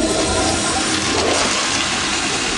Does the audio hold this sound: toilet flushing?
yes